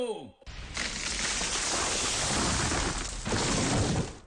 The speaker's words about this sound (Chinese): 树倒喽